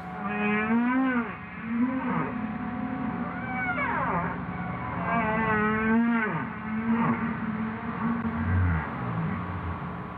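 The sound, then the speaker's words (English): Humpback whale song in the ocean, used as communication between pods: eerie, very deep wailing calls that swoop up and down in pitch over a steady low moan, repeating in a slow, continuous series with no talking. “So humpback whale song is a means of communication, and it can move between different pods of humpback whales, which can be, you know, miles and miles apart.”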